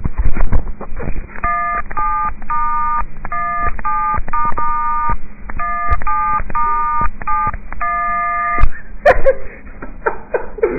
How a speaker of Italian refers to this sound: Facciamo un concerto? Una cover di una cover. Mi dicono di fare una cover famosa col cellulare,